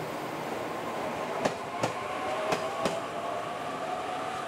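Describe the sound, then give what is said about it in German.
A narrow-gauge express train runs along the rails at the main station in a city centre in Kyushu, Japan, with a steady, broad rumble, punctuated by two pairs of sharp wheel clacks over rail joints. No one speaks. “Hier verkehren auch die schmalspurigen Expresszüge.”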